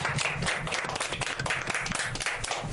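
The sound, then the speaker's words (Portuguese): A crowd applauds steadily for a girl who has just sung a song, a dense, continuous patter of many hands clapping at once, fairly loud and unbroken for the few seconds, with no one speaking over it. “Até bater as mãos. Palmas para ela.”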